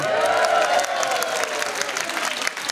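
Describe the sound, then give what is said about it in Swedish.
A live audience in Gothenburg, Sweden, at a recording of Spana Live applauds steadily, a dense, even patter of many clapping hands with some crowd cheering mixed in, holding a consistent loud level throughout. “Du lyssnar på Spana Live framför en publik i Göteborg.”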